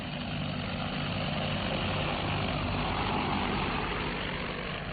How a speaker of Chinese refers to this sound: 现在那里又搞一条长征路，那里我们呢喷洒农药啊，打肥料啊，就用无人机。